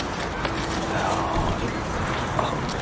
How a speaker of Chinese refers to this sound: 我去开门，你们慢点啊。